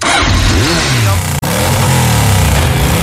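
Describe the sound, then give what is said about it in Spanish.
A motorcycle engine revs loudly, its pitch surging up and falling back in repeated throttle bursts, with a brief cutout midway before the roaring resumes. “Prepara tu motocicleta y vamos a rodar.”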